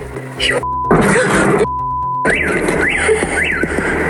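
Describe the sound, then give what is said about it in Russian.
A drone flies overhead with a loud, steady engine buzz against rough outdoor noise. A repeated rising and falling wail is also audible, and the sound cuts in and out abruptly. “Летит беспилотник.”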